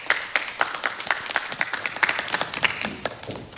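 An audience applauds with a steady patter of many hands clapping at once, moderately loud and sustained for a few seconds before starting to taper off, with no voices over it.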